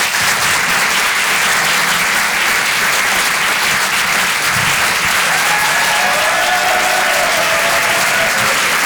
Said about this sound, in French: Applaudissez-le bien fort, les amis, du bruit pour lui.